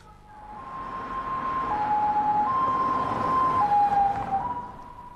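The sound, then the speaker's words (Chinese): An ambulance siren wails in a steady two-tone alternation, loud, swelling slightly as it passes over a low rumble of traffic, with no one speaking. “赶紧找救护车！”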